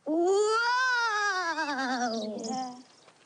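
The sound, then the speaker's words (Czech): A single long, wavering wail of the howling wind called meluzína, like a voice imitating howling wind, rising then slowly sliding down in pitch with a slight tremble, loud and unbroken for nearly three seconds before fading out. “To byla meluzina.”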